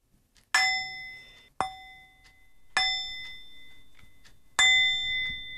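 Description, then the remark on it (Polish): A singing bowl is struck four times at uneven intervals. Each strike gives a bright metallic ring with clear overtones that sustains and slowly fades. No one speaks. “To jest taka misa grająca, z tym, że no ja na niej nie potrafię zagrać, to potrafi moja wnuczka.”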